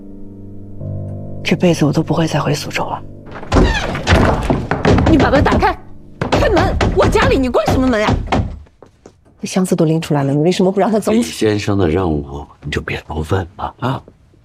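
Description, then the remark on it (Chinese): Loud thuds of someone pounding repeatedly on a shut door of a home in quick bursts, demanding it be opened, with agitated voices talking and shouting before, between and after the knocks. “你把门打开，开门！我家里，你关什么门呀？”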